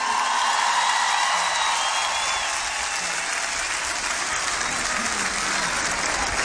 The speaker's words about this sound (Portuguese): Rock in Rio, queríamos uma salva de palmas para toda a nossa equipa, os nossos músicos.